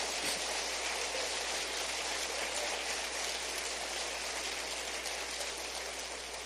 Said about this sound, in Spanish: A ver, dele un entusiasta aplauso al Señor. Amén.